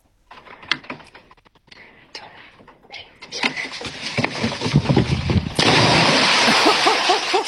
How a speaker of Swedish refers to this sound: Oj, oj, oj, vilket plums! Det lät nästan som det var mer än två små barn som sprang på den där bryggan. Dunk, dunk, dunk.